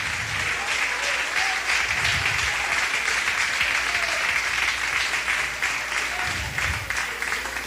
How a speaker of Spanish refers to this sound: Como que no está muy, muy alegre, con mucha libertad ese aplauso, pero bendito sea Dios.